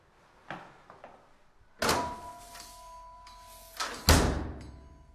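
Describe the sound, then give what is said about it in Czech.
The heavy door of a forgotten temple opens with a sharp mechanical clunk, followed by a loud thud and a creaking, ringing drag, then another forceful clunk as it settles, without any voices. “Tak jdeme dovnitř? Ano, otevři dveře.”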